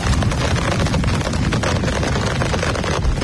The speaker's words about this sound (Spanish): Es el granizo cayendo con fuerza y violencia en Cambil.